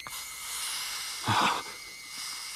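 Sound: snake hissing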